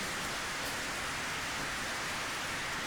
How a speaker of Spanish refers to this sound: Así de que un aplauso para todos ustedes, hermanos y hermanas, que han venido.